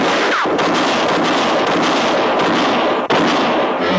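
Two loud gunshots ring out a few seconds apart as two men exchange fire, one shot shattering a bottle on a bar and both missing, each a sharp crack trailing into a long, rough, noisy roar. No one speaks.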